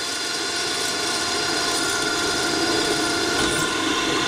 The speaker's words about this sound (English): Drilling is something we do an awful lot of, and as we say in our little business, drill, baby, drill.